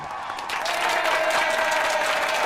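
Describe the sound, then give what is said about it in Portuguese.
Sustained applause from a crowd, a dense wash of clapping that swells in the first half-second and then holds steady and loud to the end. “Palmas para vocês!”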